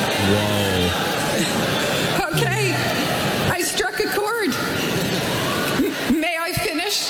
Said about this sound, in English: Whoa. Wow. That's an aggressive boo. That just one person took off and then the whole crowd, thousands of boos.